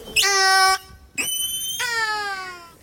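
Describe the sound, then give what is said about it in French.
Three loud, high-pitched mewing calls of a whale, rich in harmonics, played on France Culture radio: a steady drawn-out cry, a shorter upward-sweeping one, then a longer call that slowly falls in pitch. No talking. “Le miaulement du Norc en direct sur France Culture avec Fabienne Delfour et Charlotte Curé.”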